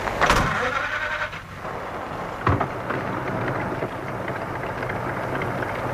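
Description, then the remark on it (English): A car engine cranks and catches with a loud burst, then settles into a steady rumbling idle under a constant hiss of rain, with one brief thump partway through. “The light of a car coming down the drive. Time to start up, I think.”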